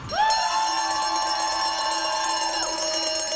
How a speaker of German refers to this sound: Kurz danach betritt ein Schweizer Turner die Fläche. Kuhglocken untermalen das Jubeln, bevor er anfängt.